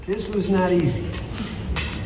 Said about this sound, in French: C'est l'image qui restera de ce moment inattendu et historique entre les bruits de fourchette ou comme le dit le président français à la sortie.